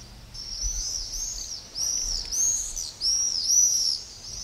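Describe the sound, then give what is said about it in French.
Shrill, high-pitched screaming calls of common swifts flying in a group, several overlapping bursts sweeping past in quick succession, fairly loud against a faint low rumble, with no voices. “Ils se distinguent aussi par leurs cris caractéristiques et leur vol groupé qui accompagne nos soirées d'été.”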